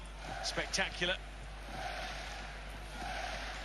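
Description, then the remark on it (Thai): A football stadium crowd claps in unison a few times in quick succession with a shouted 'hey hey' group chant, then settles into a steady roar of crowd noise. “นี่ตอนนี้นี่วัฒนธรรมการเชียร์เนี่ยไอ้หยุดตบมือเฮ้ยเฮ้ยนี่แบบแพร่หลายนะ ก็ดีกว่าเอาบูบูเซล่ามาเป่า”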